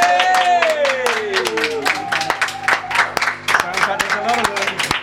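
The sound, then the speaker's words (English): A small group of the Hello Goodbye Show's engineers applauds a live studio session, with brisk clapping running steadily for several seconds while voices call out and cheer over the claps. “Maybe our engineers might open the door and do the usual, where I ask them to lend their applause to the live performance.”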